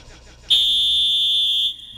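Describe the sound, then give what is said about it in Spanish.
A referee's whistle gives one long, shrill blast at a steady high pitch, holding for just over a second before cutting off, loud above a faint background hum. “Aquí está el pitazo.”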